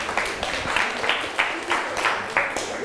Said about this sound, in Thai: นักเรียนเก่งมากเลยปรบมือให้เพื่อนกลุ่มสองหน่อย